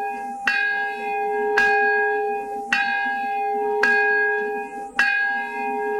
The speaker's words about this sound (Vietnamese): Mở đầu buổi lễ, trong tiếng chuông linh thiêng, những người tham dự đã dành một phút tưởng niệm những người đã chết vì bom nguyên tử.